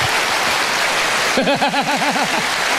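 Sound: audience applause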